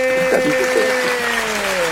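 A steady wash of clapping fills the whole two seconds at an even loudness, with a sustained, slightly falling tone running through it, like a canned applause effect, played for a correct answer in a quiz.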